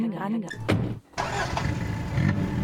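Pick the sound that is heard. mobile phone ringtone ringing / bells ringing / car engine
car engine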